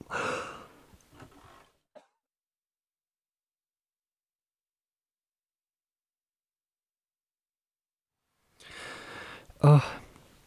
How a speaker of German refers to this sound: Ich huste und huste, trinke und huste immer mehr, spaßig.